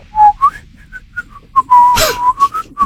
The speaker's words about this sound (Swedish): Visslar. Ja, de gick och småvisslar lite grann.